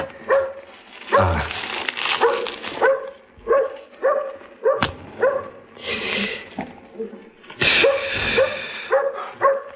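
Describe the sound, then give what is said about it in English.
A dog barks and yips repeatedly, loud, sharp bursts in an irregular rhythm, with a few whiny, higher-pitched yelps mixed in over a busy background. “Hey, dog. You got a friend for me?”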